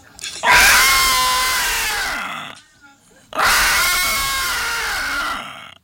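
Two loud, brassy elephant trumpet blasts, each about two seconds long, separated by a brief pause. The calls are harsh, with a slightly falling pitch, and no talking.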